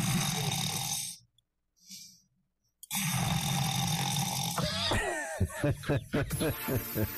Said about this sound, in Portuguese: Não, mas isso aqui não sou eu, não. Parecendo que é um ronco de um porco, né? Eu acho que eu sou isso aqui, ó.